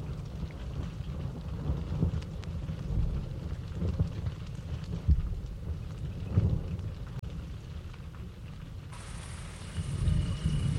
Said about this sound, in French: commence à pleuvoir.